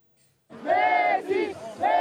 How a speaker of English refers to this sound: Dallas Stadium was a cauldron of noise and a sea of blue and white as fans saw Lionel Messi make more history for Argentina.